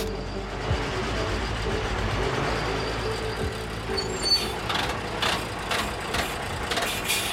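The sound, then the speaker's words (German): Riding inside a moving fire brigade command vehicle, a mobile command centre with radio equipment and monitors, on the way to Spandau station: a steady engine and road rumble fills the cabin, with brief rattles and hissy bursts toward the end and no voices. “Beatrice setzt sich nach vorne, ich sitze hinten. Vor mir ein Tisch mit Funktechnik und Monitoren. Eine mobile Kommandozentrale.”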